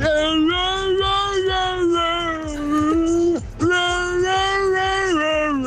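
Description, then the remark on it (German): A radio caller from Waldsee imitates a seal on Radio Regenbogen with two long, loud, moaning wails, each held for a few seconds with a brief gap between them. The wails have a steady mid pitch that wavers slightly. “Da kommst du wieder, die Robbe.”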